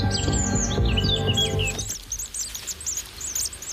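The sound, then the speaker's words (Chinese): A pair of great tits give rapid, sharp, high-pitched alarm chirps over and over, protesting loudly at a great spotted woodpecker that has raided their nest, at first above a low rumbling background that then drops away, leaving the agitated calls to continue on their own. “而大山雀夫妇别无选择，只能大声抗议，眼睁睁地看着敌人离开。”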